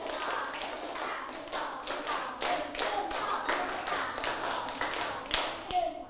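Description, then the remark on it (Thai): A group of schoolchildren clap their hands on a teacher's cue in quick, rhythmic sets, the sharp claps repeating in sets with short pauses, fairly loud, with some voices faintly underneath. “ปรบมือ5ครั้งปรบมือ5ครั้งวางดินสอหรือยังปรบมือ1ชุด”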